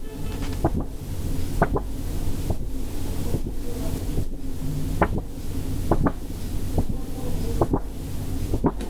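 A sheet of paper is handled very lightly and moved from top to bottom, giving a steady, airy rustle with soft crackling snaps recurring at a regular pace, roughly once a second. No one speaks.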